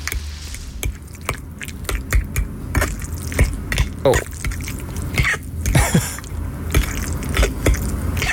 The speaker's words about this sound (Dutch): Die heeft net gekookt en die laat eventjes horen hoe ontzettend goor lekker eten kan klinken.